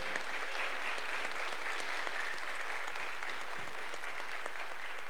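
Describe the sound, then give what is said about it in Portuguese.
An audience applauds the parish's new altar servers, a dense, even patter of many hands clapping for several seconds without a break, with no voices standing out. “Mais uma salva de palmas para os novos coroinhas da nossa paróquia.”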